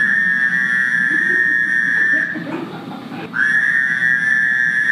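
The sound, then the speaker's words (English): A Fowler's toad gives a loud, nasal, buzzing drone that holds steady for a couple of seconds, breaks off briefly, then starts again, over a low rumbling background with no talking. “Next comes the Fowler's toad, which looks like an Eastern toad, but sounds very different.”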